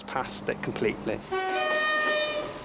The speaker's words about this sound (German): Der Zug aus Shrewsbury fährt in Machantlith ein. Das Stellwerk sitzt am Bahnhof.